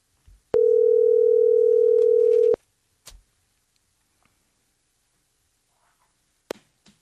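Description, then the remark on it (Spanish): A phone line rings out with one steady, mid-pitched ringback tone lasting about two seconds while the caller waits for an answer. Silence follows, broken only by a few faint clicks and taps. No one speaks. “Ay, que contesten.”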